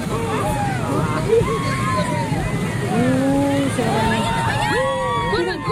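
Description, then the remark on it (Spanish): A large crowd of people in Pedegua shouts and cheers over a constant roar of overlapping voices, with raised, rising calls breaking through at a steady, loud level for the whole stretch. “Vamos, que la gente también grita y lo pasa bien.”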